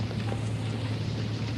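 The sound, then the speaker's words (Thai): Steady rain falls in a continuous, even hiss with no talking, layered over a constant low rumbling hum that stays unchanged throughout. “เราไม่ได้อาบน้ำฝนมานานแล้วหลายปี”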